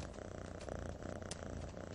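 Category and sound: animal, lynx purring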